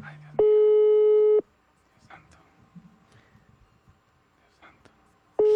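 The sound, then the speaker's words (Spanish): An outgoing WhatsApp call rings: a loud, steady electronic tone lasting about a second, a long pause with faint background voices and rustling, then the next ring beginning. “Ay, Dios mío, no le contesto. No contesto. Claro que es la primera vez que le marco, ¿no?”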